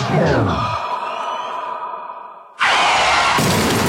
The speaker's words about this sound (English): That didn't sound good. But fortunately for you, one call will fix it all. Hello? I've stacked my car.